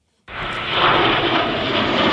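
JAS-39 Gripen fighter jets roar overhead in a flyover opening the Bahna military show at a Czech army tank training ground, a loud, dense engine rumble that bursts in suddenly and holds steady, filling the whole clip with no voices.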